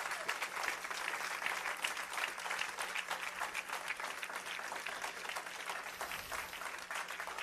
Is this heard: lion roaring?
no